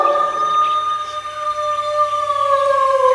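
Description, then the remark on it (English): A strange, eerie howling sound: long sustained tones with several stacked harmonics that slowly waver and drift downward in pitch, steady and fairly loud throughout, with no voices. “Whoa! What a strange, eerie howling sound.”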